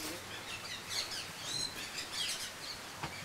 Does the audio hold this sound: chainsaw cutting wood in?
no